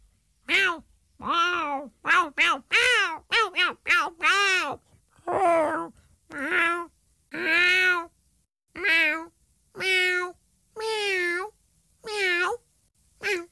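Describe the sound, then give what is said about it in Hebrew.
A cat meows over and over, about a dozen loud, drawn-out calls. They come in a quick cluster at first, then settle into evenly spaced meows with short pauses between them. “אך צליל החתול כמעט בכל מקום בעולם הוא מיהו.”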